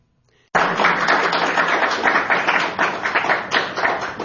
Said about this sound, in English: Well, thank you for the smattering of applause. Yeah, that was a nice treat.